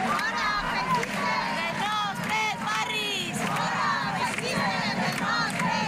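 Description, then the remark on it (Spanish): A group of about 200 antifascist protesters surrounding a protest encampment in Valencia shouts and chants loudly and continuously, many voices overlapping in rising, rhythmic yells that fill the whole scene without a break. “Son los gritos de un grupo de 200 personas de ideología antifascista que rodeó la acampada como respuesta a una convocatoria que se había hecho por redes sociales por un colectivo de ultraderecha de una concentración en contra de esa acampada”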